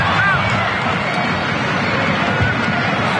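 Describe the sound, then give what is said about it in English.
A large stadium crowd at a match between the Warriors and Souths claps in a dense, continuous wash of sound, fairly loud and steady throughout, with indistinct voices murmuring underneath. “They're even clapping you, as you can hear”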